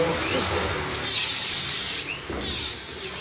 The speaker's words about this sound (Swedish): Nu river de träställningarna som burit upp banan. De konkar plywoodskivor, reglar, plank och svarta sopsäckar genom de röda dörrarna upp för trappan till en container där de slänger brännbart.